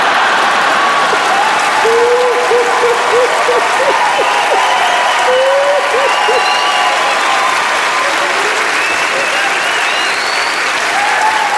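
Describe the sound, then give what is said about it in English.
Loud, steady audience applause fills the whole stretch, a dense wash of many hands clapping, with scattered voices and short shouts rising through it. “Is some of you clapping, some are laughing, some are like, it's still not funny.”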